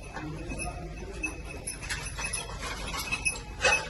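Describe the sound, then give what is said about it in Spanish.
Faint, irregular metallic jingling of a search dog's tags as it hunts for survivors under rubble in a garage with crushed cars in Caracas, Venezuela; light clinks scattered over several seconds amid low background rumble, with a brighter cluster of jingles near the end. “Lo que escuchan es el tintineo de uno de los perros buscando supervivientes bajo los escombros en un garaje en el que se ven los coches aplastados.”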